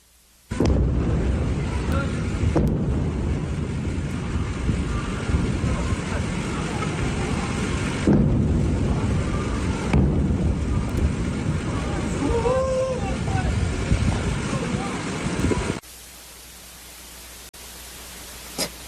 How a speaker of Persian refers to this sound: ویدیوی رسیده به ایران اینترنشنال از مخاطبی است که وقوع چند انفجار رو در بامداد 24 تیر ماه در سیریک نشان میدهد.